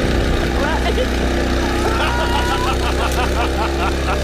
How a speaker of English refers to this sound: They're using their leaf blower. And I was like, hi, can I get a... It's like, as if they were doing it on purpose.